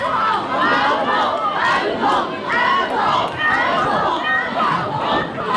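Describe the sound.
A large crowd shouts and cheers continuously, many voices overlapping in a loud, rhythmic clamor that swells and dips, the audience calling for an encore at the close of the Canteen Night (食堂之夜) graduation song concert.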